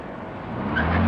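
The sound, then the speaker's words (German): A car engine revs up, building in loudness over about a second as the driver pulls away from a police check instead of switching off the engine, with a brief tire squeal near the end. “Stellen Sie bitte den Motor ab.”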